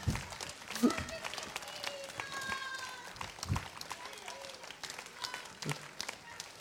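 An audience in a hall gives a stormy ovation to see off a woman leaving the stage after receiving flowers from Radio Ransis: dense, continuous clapping that holds steady for several seconds, with a few louder bursts and faint tonal sounds underneath.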